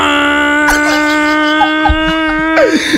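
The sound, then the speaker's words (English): A voice imitates a big shipping boat's horn, holding one loud, steady, buzzing drone for about three seconds before it bends and slides downward at the end. “A big shipping boat is now blowing its horn.”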